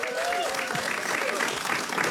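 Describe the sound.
Steady, dense audience applause fills the whole stretch, a continuous crackle of many hands clapping at an even level, with a few faint whoops and voices rising through it, as a contestant is introduced before a game show.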